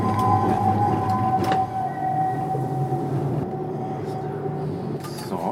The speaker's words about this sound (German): Tür auf.